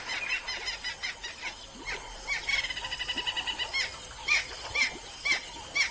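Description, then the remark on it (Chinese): Hippos honk and grunt in a rhythmic pulsing series, with a few louder bellowing bursts toward the end, moderately loud with no voices. “河马的吵嚷声似乎并没有影响到附近的驴羚。”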